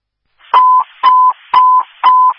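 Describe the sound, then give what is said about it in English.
Four loud, evenly spaced electronic cancellation tones from a fire dispatch radio for Stockbridge Fire, called off after a false fire alarm on Har Road, Waterloo Township. Each is a short steady beep repeating in a quick regular rhythm, with no voices. “For Stockbridge Fire, 18 Inland, Stockbridge Fire, 18 Inland, it's going to be cancellation tones 14991 Har Road, Waterloo Township.”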